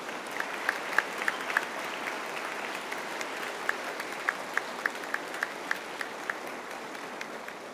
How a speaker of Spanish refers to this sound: Sagrado Corazón de Jesús, se lo decimos con amor, con un fuerte aplauso al Sagrado Corazón de Jesús.